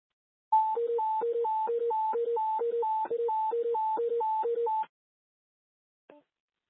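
A loud, steady fire dispatch alert of two tones alternating high and low in a rapid, even rhythm for about four seconds, sent to a rescue unit at West Station for a lift assist, followed by a short click and silence.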